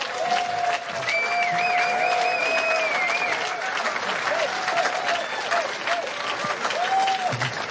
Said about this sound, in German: Bitte einen Applaus für Kirsten Fuchs.